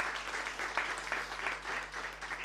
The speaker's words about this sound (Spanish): Un fuerte aplauso para el Hospital Biprovincial.